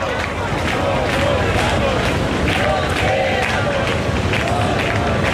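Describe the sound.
A large crowd chants and shouts together in the Puerta del Sol, a dense, steady roar of many voices with rhythmic surges of the chant "nos quedamos, no nos vamos" rising above the babble throughout, heard live as the repeal of a decree is approved.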